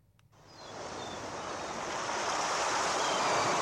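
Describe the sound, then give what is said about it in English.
Ocean surf swells up from near silence into a steady, broad wash of breaking waves, growing louder and fuller over a few seconds, with no voices present. “Little bit of salt water.”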